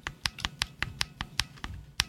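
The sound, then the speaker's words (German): Lubricated mechanical keyboard switches pressed in a steady rhythm, about ten soft, muted clacks over two seconds, each short and dull, with no voices. “Und demgegenüber stehen dann Tastenschalter, die eben zum Beispiel geölt sind.”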